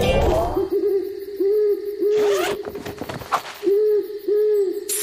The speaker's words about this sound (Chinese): 嘿，猪猪，什么声音？ 没事的，亚历克斯，只是猫头鹰在叫。